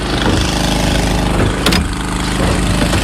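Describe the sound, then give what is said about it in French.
A motor-driven water pump runs steadily, pumping water to transfer tanks into a firefighters' pool in dry shrubland, its loud, low engine drone holding an even throb throughout, with one brief sharp clank partway through and no voices. “On pompe l'eau, on transfère des cuves pour la piscine de pompiers.”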